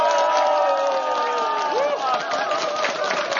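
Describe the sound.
A crowd cheers and claps to start a broadcast program: a dense roar of many voices with scattered high shouts and whoops, sustained at a constant level throughout.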